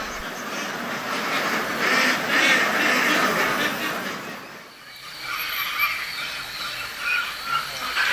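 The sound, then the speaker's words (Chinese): A large flock of laying ducks, over 3,000 of them, in Qingzhou, about 100 km from Dongxing, quacks late at night in a dense, continuous, loud clamor, briefly easing off midway before the noisy chorus swells again. “蛋鸭生性敏感，外界稍有风吹草动便叫个不停。”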